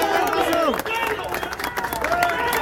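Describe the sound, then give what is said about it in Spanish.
A crowd in the town centre applauds a police contingent with steady, scattered clapping, mixed with overlapping voices and shouts that keep the scene loud and busy throughout. “Aplaudido por la gente.”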